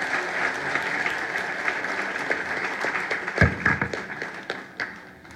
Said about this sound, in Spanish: Y la iglesia, los amigos, los familiares, papito Dios, agradecerles, nos atributamos un voto de aplauso, Señor.